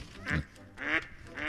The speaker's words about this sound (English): That's a duck.